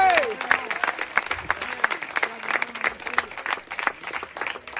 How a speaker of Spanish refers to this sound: Dele un aplauso al Cristo de la gloria.